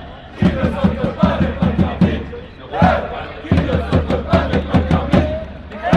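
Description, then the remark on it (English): A loud crowd roars and cheers at an esports LAN event, with rhythmic clapping or stomping pulses driving a steady chant-like beat throughout, briefly dipping before surging again. “So different being inside the crowd rather than on screen.”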